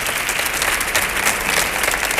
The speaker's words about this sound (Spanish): Así que fuerte el aplauso para don Cristian García.